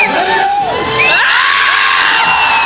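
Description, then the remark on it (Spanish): A large crowd in a movie theater in September 2019 shouts and cheers loudly and continuously in front of the giant screen, with high whoops and screams rising over the dense roar of many voices. “Una multitud gritando en las salas de cine de todo el mundo frente a la pantalla gigante.”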